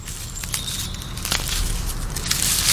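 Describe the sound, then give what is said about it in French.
A slug chewing a leaf: soft, irregular wet crackles and rasping clicks over a steady low rumble, with a faint thin high tone in the background. No one speaks. “Oh, mais c'est une limace qui mange une feuille !”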